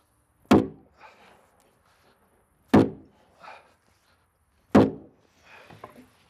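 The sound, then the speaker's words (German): Three loud, solid knocks as a wooden log girder for ceiling beams is hammered into place on the eighth log layer of a log cabin under construction, evenly spaced about two seconds apart, each followed by a softer knock or shuffle, with no talking. “Klopf mal da, gell?”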